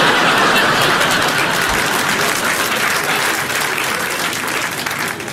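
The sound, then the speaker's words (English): Sustained audience applause, a dense steady patter of many hands clapping at a strong level for several seconds, tapering slightly toward the end, with no talking over it. “And it's all right to laugh and even applaud that.”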